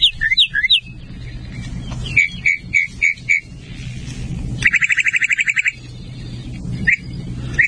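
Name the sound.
sparrow song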